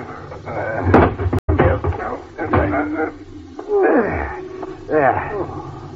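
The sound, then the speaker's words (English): A heavy lorry door creaks and slams shut with a sharp metallic bang, followed by more creaking and clattering, with muffled voices mixed in. “Now we close the door.”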